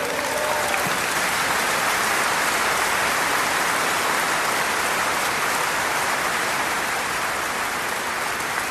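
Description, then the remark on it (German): A large audience claps steadily throughout for members of an orchestra, a dense, continuous wash of applause that stays loud and even from start to finish with no voices standing out. “Geben Sie einen riesen Applaus,”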